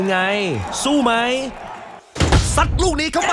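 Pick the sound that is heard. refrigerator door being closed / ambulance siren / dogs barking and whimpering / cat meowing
refrigerator door being closed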